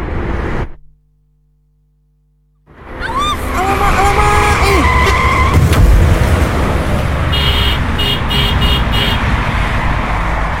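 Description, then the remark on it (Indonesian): A car's tires squeal in a rising, wavering screech, followed by a loud crash that scratches the car, caused by the driver using a phone while driving; then steady road noise and a pulsing alarm-like tone. A brief silence comes first. “Lecet lah mobil nih. Kan udah aku bilang, kena batunya kan kamu.”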